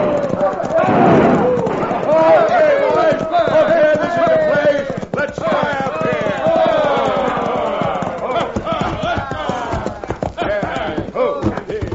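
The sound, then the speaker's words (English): A crowd of hoodlums rides into the town of Dos Rias on horseback, firing their guns; hooves pound in a rapid, steady galloping rhythm while the men whoop and shout over them, loud and continuous throughout. “It all started when a crowd of hoodlums rode into Dos Rias, airing their lungs and triggering their guns.”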